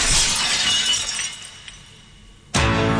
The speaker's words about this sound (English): Yep, that's right. That was actual glass smashing. And the … mic'd the studio heavily and broke nearly 30 sheets of glass over 2 days, capturing the perfect crash on the very last piece.